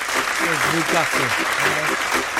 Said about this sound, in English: Applause for Coventry then for winning their first game against Newcastle.